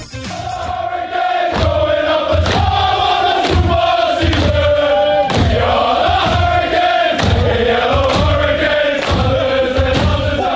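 A loud group of voices sings the Canes' team victory song together in rough unison, with a steady thumping rhythm of shouted beats running through the chant for about ten seconds.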